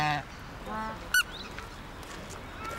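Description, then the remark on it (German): Several geese honk in short, nasal calls, a few overlapping bursts with one sharp loud honk standing out, then quieter squawks trailing off against outdoor background noise. “Gänse, so.”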